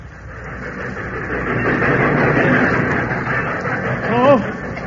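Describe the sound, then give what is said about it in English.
A train rumbles steadily as it pulls into a station, its heavy mechanical noise filling the scene, with a murmur of indistinct voices and a brief wavering tone near the end. “And as the train pulled in...”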